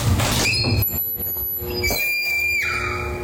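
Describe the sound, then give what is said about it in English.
A bathroom entry door creaks open with a long, high-pitched squeal whose pitch wavers and rises like a woman's scream, lasting about three seconds over a low rumble, with no one talking. “No, this is the door entryway into the bathroom. And this one actually sounds like a horror movie scream.”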